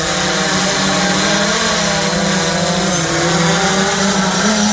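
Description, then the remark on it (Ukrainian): A drone's motors whir in a loud, steady buzzing drone, their layered tones wavering slightly up and down in pitch as it flies, with no voices present. The drone is launched high above a church, rising at least 20 meters and flying close to the church domes. “Його він запускає високо над церквою. Пташка підіймається щонайменше на 20 метрів і пролітає аж біля самих бань.”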